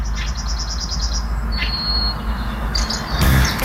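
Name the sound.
bird chirping and singing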